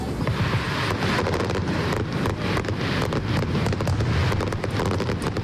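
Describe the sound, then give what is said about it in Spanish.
A dense fireworks finale barrage by the Uruguayan pyrotechnics company Supernova at the Aste Nagusia festival, with rapid overlapping bangs and crackles forming a continuous loud roar, with wind-like rumble underneath. “Esta es la traca final de anoche de la pirotecnia uruguaya Supernova, que ayer se estrenaron”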